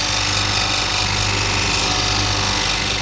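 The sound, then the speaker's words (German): A self-built stone grinding machine, about 60 years old, grinds a stone in a small grinding room in a steady, loud, continuous roar, with a low motor hum beneath a dense gritty hiss that never lets up. No one speaks. “So, da hört man jetzt, wie ein Stein geschliffen wird.”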